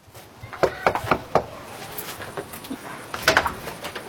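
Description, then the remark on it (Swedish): A quick run of four or five sharp knocks on a front door, then a short pause and another brief burst of rapping, with no voices. Green Party (Miljöpartiet) campaigners door-knocking ahead of the Swedish election on a Monday evening in Uppsala. “Och Ekot följde med när Kristdemokraterna och Miljöpartiet knackade dörr.”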